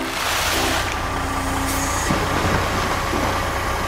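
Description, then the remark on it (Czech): A truck rumbles with a steady, loud engine drone, and a sharp hiss like an air brake cuts through partway. There is no talking. “nakładne auto?”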